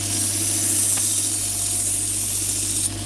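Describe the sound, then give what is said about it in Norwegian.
A water-cooled belt grinder runs continuously while sharpening a knife, giving a loud, steady, spray-like hiss over a low, constant motor hum, with no talking and no breaks in the sound. “Ja, det er bandsliper med vannkjøling.”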